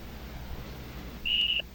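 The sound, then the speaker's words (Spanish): A single short, shrill whistle blast blown to start a game, at a steady high pitch, lasting about a third of a second over a quiet background hum, with no voices. “Suena el silbato y comienza nuestro juego.”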